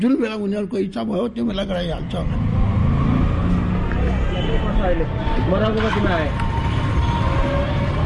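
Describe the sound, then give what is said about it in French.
Auto rickshaw horns honk through a steady roar of busy city traffic, heard from aboard a rickshaw (tuk-tuk), a motorbike with seats attached at the back, with a few short toots rising over the engine rumble. Voices speak at the start and murmur in the background. “C'est elle que vous entendez klaxonner autour de moi.”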